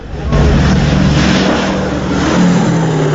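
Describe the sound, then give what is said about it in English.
B-17 propeller planes drone in to land on a runway, a loud, steady engine roar with a deep throbbing hum that holds for a few seconds without a break. “As the planes swoop into land, the army ambulances head for the runway.”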